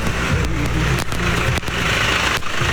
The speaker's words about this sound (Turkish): Yolda bakın traktör de bize doğru geliyor. Traktörde hanımefendiler var. Onlar eşlerine yardım ediyorlar.